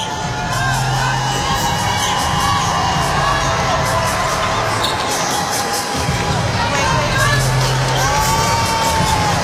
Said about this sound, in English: What a great crowd it sounds like it is in the really Hydro. They're just happy to be there, aren't they? Cheering absolutely everything that's going on for Doju.